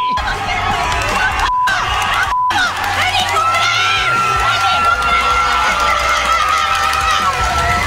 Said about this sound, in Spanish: Es una güera muy guapa festejando un gol. Ahora está soplando una trompiporra feliz. Está haciendo muchas cosas. Gritando groserías, sacudiendo la cámara.